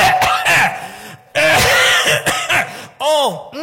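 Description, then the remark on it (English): A person coughs hard in several harsh, raspy bursts with throaty, strained vocal edges, loud, in roughly three clustered fits separated by brief pauses. “Every time I cough like that, it make my left knee tingle.”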